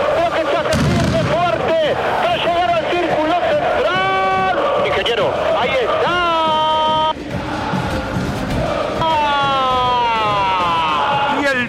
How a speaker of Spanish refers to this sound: Los fuegos artificiales, las luces que empiezan a prenderse, los cuatro lados ocupados por hincha de Boca, los fuegos artificiales, azules y amarillos que empiezan a encenderse, la caminata que se hace larga.